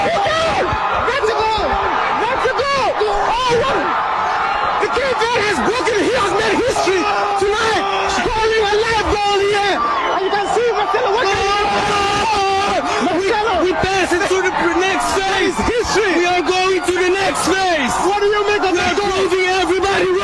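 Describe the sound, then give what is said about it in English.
A crowd in Cape Verde erupts in celebration of their team's first ever World Cup goal, a dense, continuous roar of cheering, whooping and yelling voices that stays loud and excited for about twenty seconds without letting up. “And listen to the crowd.”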